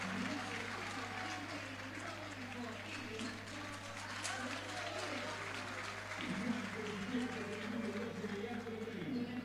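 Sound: stadium crowd applauding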